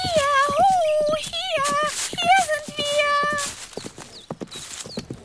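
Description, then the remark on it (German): A horse's hooves clip-clop in a quick, steady rhythm as it approaches carrying a prince, under a high wavering tonal sound that fades after a few seconds while the hoofbeats continue. “Da hörten die beiden, wie sich ein Pferd näherte und erblickten den schönen Prinzen.”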